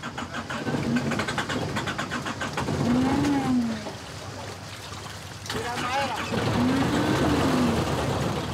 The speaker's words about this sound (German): Nikos will seinen Kahn möglichst schnell in den geschützten Hafen von Aegina Stadt bringen. Doch der Motor springt nicht an.